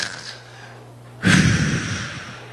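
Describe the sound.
A single rough, rasping snore bursts out after a moment of quiet low hum, then trails off as a noisy breath. It is fairly loud, with no talking.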